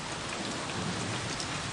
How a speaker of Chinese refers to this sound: 今天不停雨，你不能出去。